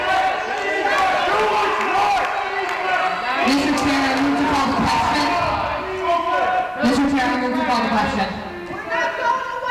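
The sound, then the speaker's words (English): A loud, dense crowd of dozens of attendees at an aldermen's meeting, many overlapping voices shouting and yelling over the speakers at once, sustained without a break, with some voices rising above the din in heated bursts. “apparently because it was hard to hear them over shouts from the crowd”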